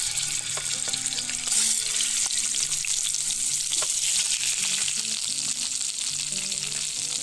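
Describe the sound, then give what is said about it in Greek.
Chicken drumsticks sizzle steadily in sunflower oil in a frying pan, browning on all sides together with the skin. A dense, bright crackle of hot oil with scattered pops holds loud and even throughout, with no talking. “Όσο πίσω ακούτε και δεν ξέρω αν βλέπετε που τσιτσιρίζουν τα κοτόπουλα, τα κοπανάκια και παίρνουν χρώμα, θέλουμε να τα θωρακίσουμε, να πάρουν χρώμα, να καραμελώσουν μαζί με το δέρμα από όλες τις πλευρές.”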